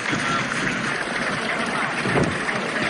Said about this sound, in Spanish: Aplausos, concentración, banderas, bengalas. Esos sonidos son algún petardo que se oye. Bueno, el sonido habitual en este tipo de concentraciones, con algunas bengalas con humo amarillo, ¿no?